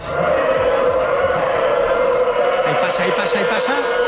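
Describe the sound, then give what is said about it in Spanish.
Traineras (trainas) rowing in a free training session: the oars rubbing against the water and the hulls against the sea make a loud, steady, engine-like whirring drone with a sustained tonal hum. It is not engines. Voices talk faintly underneath. “no, pero que no, que es el roce. Remo contra agua, casco contra deslizados o contra el mar.”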